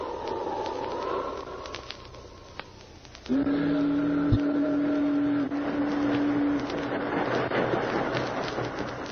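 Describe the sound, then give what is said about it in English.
The steamboat Bonanza Belle churns up the Yukon River toward Dawson City with a steady, noisy engine rumble, and about a third of the way in a loud, low steam whistle sounds for several seconds before the chugging carries on alone. “As the Bonanza Belle chugged up the Yukon River toward Dawson City, three men sat at a table in the cabin playing poker.”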